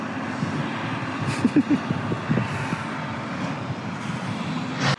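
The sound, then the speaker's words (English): A heavy garbage truck engine rumbles steadily, a deep continuous drone with a few brief mechanical clunks and rattles over about five seconds. “I love you as much as this trash truck rumbles.”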